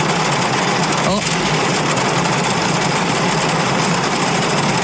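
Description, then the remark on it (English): A car engine runs with a steady, loud, unbroken drone for about five seconds, with a brief sweeping whine just after the first second. “This is my car.”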